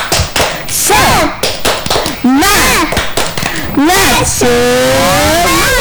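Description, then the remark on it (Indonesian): Indonesian children do the 'tepuk semangat' (spirit clap), clapping in a quick rhythmic pattern of sharp, loud claps while high-pitched voices chant along, ending with a long drawn-out shout. “Sekarang sudah bertepuk anak Indonesia hebat.”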